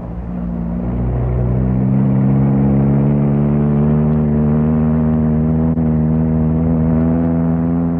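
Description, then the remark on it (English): A car engine revs up and settles into a loud, steady drone, its pitch climbing at first as the car is let out down a hill to try out the brakes, with rumbling road noise and no talking. “I just wanted to see if she would still go and try out the brakes. Well, here's the hill. I let her out.”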